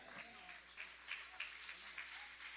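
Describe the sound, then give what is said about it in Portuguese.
A church audience applauds to welcome a preacher, a dense wash of many hands clapping at once, fairly loud and sustained, with a few faint voices mixed in beneath the clapping. “Vamos receber o servo do Senhor com palmas bonitas e alegres, que louva e exalta o Rei Jesus.”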